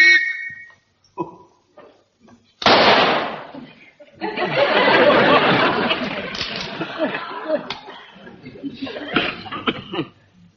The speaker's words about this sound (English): All right, Sergeant, blow the whistle.